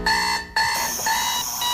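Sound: alarm clock beeping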